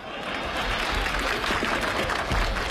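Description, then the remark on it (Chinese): A steady wash of audience applause, many hands clapping in a dense, continuous patter at even loudness throughout, with no voices standing out. “不可能啊，你听观众的掌声，掌声如雷呀”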